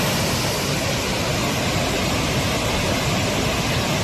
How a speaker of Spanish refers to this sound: Así suena el río Besòs, que baja con mucha fuerza a esta hora. De hecho, la alerta hidrográfica es extrema. En las imágenes se aprecia el enorme caudal que está descargando.